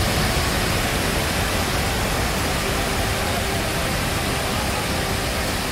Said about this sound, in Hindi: पिछले कुछ दिनों से लगातार हो रही बारिश की वजह से बीन नदी में अचानक जलस्तर बढ़ गया। नदी की तेज धार की चपेट में ये कार आ गई।